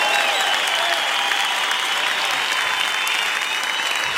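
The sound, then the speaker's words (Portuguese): An audience applauds Jesus steadily, a dense wash of many hands clapping at once, loud and sustained for the full few seconds with no break or fade. “Aplauda Jesus! Aplauda Jesus!”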